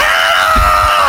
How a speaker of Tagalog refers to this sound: Yung mga jeepney ngayon, ang magiging busina nila, ganito ang tunog.